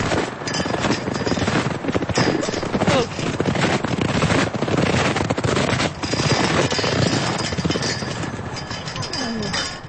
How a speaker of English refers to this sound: Sounds from a windy spring day at Marion Gulch.